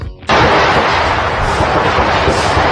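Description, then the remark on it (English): Rapid gunshots, some 15 to 20 shots near the White House, recorded from the White House lawn, erupt suddenly after a brief silence: a loud, dense barrage of cracks blurring together with echo and continuing without pause to the end. “And several journalists, they were also reporting from the White House lawn when that gunfire erupted, with some of the shots captured as cameras were still rolling.”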